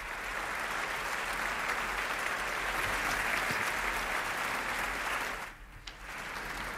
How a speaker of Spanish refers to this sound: Y ya estos aplausos nos indican la entrada en la sala de Lina González Granados, la directora, y de Sofía Martínez Villar, narradora.